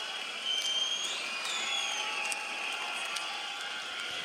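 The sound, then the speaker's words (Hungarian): A large concert audience roars in a steady, continuous wash of noise with faint whistles cutting through, shouting a chant together. “Ugyanis azt üvöltözték, hogy … sucks.”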